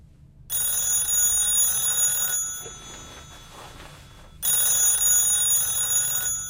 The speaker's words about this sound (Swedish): Men just när han ska somna ringer telefonen.